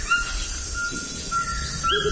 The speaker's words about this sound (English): Oh, now we're hearing the call of a Cuvier's toucan.